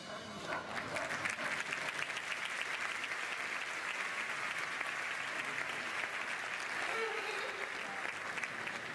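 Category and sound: crowd, audience clapping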